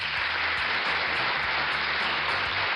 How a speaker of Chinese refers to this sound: 嘿，这个掌声是要给墩墩的啊，他很有这个自我保护的意识，对吧？